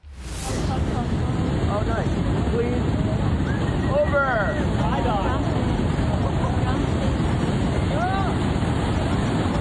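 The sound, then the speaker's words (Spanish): Powerful ocean waves up to 12 feet crash and roar against a jetty at Newport Beach near 56th Street, in a constant loud, wind-buffeted rush, with a few faint cries or voices rising briefly above the surf. “Un surfista se salvó de milagro después de ser arrastrado por fuertes olas sobre el espigón en Newport Beach.”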